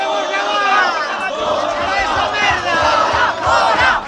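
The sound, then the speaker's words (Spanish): Hundreds of protesters, called out by social groups, chant and shout in Santiago to stop a far-right Vox event on a Monday: loud, continuous waves of many overlapping voices, with rhythmic rises in intensity and faint low thumps underneath. “Centenares de manifestantes convocados por una ventana de colectivos sociales impedían este lunes la celebración de un acto de la ultraderecha de Vox en Santiago, donde estaba prevista la participación de Jorge Buxadé.”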